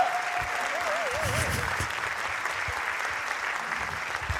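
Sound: audience applause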